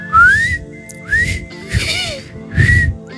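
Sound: person whistling a melody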